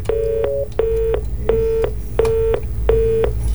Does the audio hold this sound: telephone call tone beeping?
yes